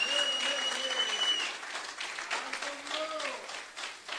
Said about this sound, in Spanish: Dele fuertes aplausos a Cristo en esta bendita noche.